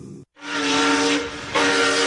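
A steam train whistle blows one long, loud, breathy blast after a brief pause, its steady tone wrapped in hiss and swelling louder toward the end.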